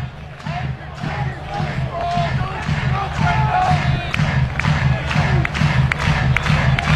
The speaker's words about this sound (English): It was just off the plate. This Oregon crowd doesn't like it.